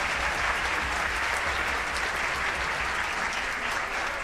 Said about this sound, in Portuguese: Quero pedir a todos os músicos aqui que dão aula, fazem ensaio de naipe, ficar de pé para receber o nossos aplausos também. Todos os professores, bravos.